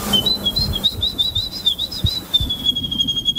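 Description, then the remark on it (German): A woman whistles a continuous, warbling bird-song imitation, a high thin tone that wavers and trills steadily throughout, with faint low rumbling and handling noise underneath. “Sie hat den polnischen Vogelstimmen-Imitationswettbewerb”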